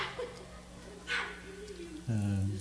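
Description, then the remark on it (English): An indoor dog gives a single loud bark near the end, after a stretch of quiet room noise with a brief hiss partway through. “that's an indoor dog.”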